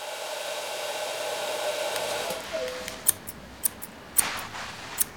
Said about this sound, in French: On est chez le coiffeur. C'est ici que l'on vient pour se faire couper les cheveux et se faire beau. Écoute, tu entends le ronronnement du sèche-cheveux?